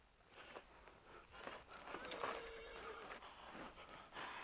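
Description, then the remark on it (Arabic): A horse whinnies in a drawn-out, wavering call that rises and trails off, with faint hoof clops and rustling, in a quiet setting. “صهيل الحصان ينبئ بقدوم أحد.”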